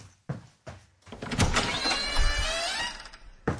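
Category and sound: household object, door being opened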